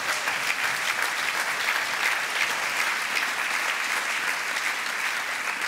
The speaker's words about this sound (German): Großer Applaus von FIFA-Chef Gianni Infantino aus dem VIP-Bereich im Rektum von Donald Trump.